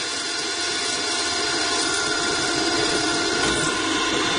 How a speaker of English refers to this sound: Drilling is something we do an awful lot of, and as we say in our little business, drill, baby, drill.